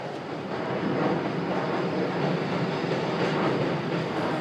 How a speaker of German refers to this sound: Eine Brücke mitten in der Großstadt. Hier bündeln sich einige Strecken und im Minutentakt fahren Züge aller Kategorien.